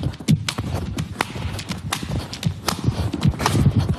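Nuts are cracked by a record holder sitting on them with his buttocks, for a Guinness world record: a rapid, irregular string of sharp snapping cracks and knocks over dull thuds, fairly loud throughout, with no talking.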